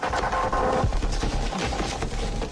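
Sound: nuclear test explosion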